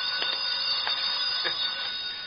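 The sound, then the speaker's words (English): A telephone rings with a steady, high, buzzing bell tone, pulsing in short regular bursts about twice a second, with no voices. “My phone's ringing.”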